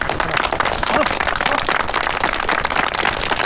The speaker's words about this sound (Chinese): 哎呦，新同志，自告奋勇，鼓掌。